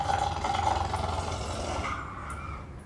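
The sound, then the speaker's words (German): A hyena named Silvester at the Opel-Zoo in Kronberg growls in one continuous, low, rough rumble lasting about three seconds, steady in loudness and slightly rasping, with no voices over it. “Was knurrt, ist aber nicht der Magen.”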